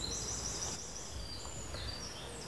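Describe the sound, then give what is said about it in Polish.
Faint birdsong, a steady stream of high, thin chirps and whistles layered over a soft outdoor hum, with no one talking. “O, jak ptaszki śpiewają, popatrz, i tak chcą cię obudzić.”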